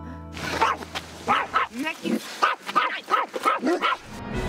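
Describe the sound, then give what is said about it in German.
A stressed dog in a camper barks and yips repeatedly in quick, agitated bursts, fairly loud, with a low steady hum underneath at the start, on a camping trip in the Dutch dunes. “Sie schwimmen mit auf der großen Campingwelle, weil sie als Paar mit Hund eine neue Art von Urlaub suchen.”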